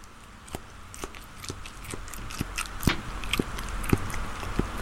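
A man chews a big mouthful of food, producing irregular wet crunches and smacks, roughly two per second, over a low steady background hum with no speech.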